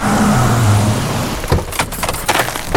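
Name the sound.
car engine driving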